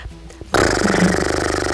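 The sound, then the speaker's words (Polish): A person does a loud, buzzy lip trill imitating a snorting horse, as a vocal warm-up exercise to warm up the lips. After a brief quiet pause, one steady fluttering burst runs for over a second with a rapid, even vibration. “Na przykład trzeba było tak parskać jak koń.”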